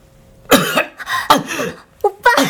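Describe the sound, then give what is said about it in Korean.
A series of about four harsh coughs in quick bursts, the last two coming as a rapid double cough, with no other sounds around them. “그때 기침 소리와 함께 시온이 눈을 떴다”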